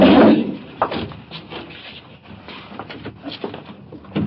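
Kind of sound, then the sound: household object, door being shut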